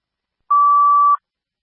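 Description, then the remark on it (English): A single steady electronic fire department pager alert tone, loud, holds one pitch for well under a second before cutting off, paging a second alarm for Clinton Fire to 27th Avenue South, with silence before and after and no voices. “I'm paging a second alarm. A second alarm for Clinton Fire.”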